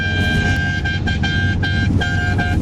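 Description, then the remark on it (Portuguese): Car horns honk loudly in a long, overlapping blare during a mass honking (buzinaço) at 4:41, with several short breaks and restarts, over a steady low rumble of traffic. No one speaks. “Vamos buzinar, Band!”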